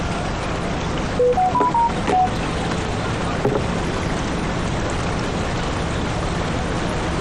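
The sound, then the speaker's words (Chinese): A quick series of short phone keypad beeps sounds near the start as a phone number is dialed, then fades into a steady rushing background noise, like wind or water, with no voices. “不为难你了，还是我打电话和他联系吧。”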